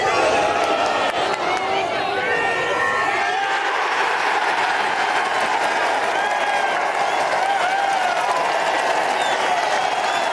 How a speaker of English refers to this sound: Just have a listen to this crowd on Lowry's 30-foot putt for the win in Ireland. Just electric scenes. No commentator needed here.